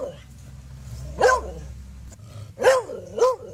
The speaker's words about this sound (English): All right, more dog sounds.